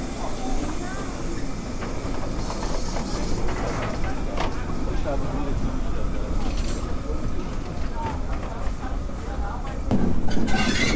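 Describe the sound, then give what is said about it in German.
Steam locomotive 58311 rattles past running tender first on a station special trip with people riding on its footplate, a continuous loud clatter of wheels and rods with hissing steam, the noise swelling slightly louder toward the end. “Hier knattert gerade die 58311 Tender voraus an uns vorbei.”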